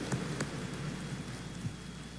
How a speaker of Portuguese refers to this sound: Uma salva de palmas a Nossa Senhora, forte, bonito, que Deus te abençoe.